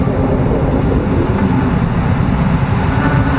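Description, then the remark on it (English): Military drones hover overhead in a loud, unbroken mechanical drone, a dense low engine hum with a rough rumbling texture that holds steady throughout, with no voices. “What it is to live with drones and military drones.”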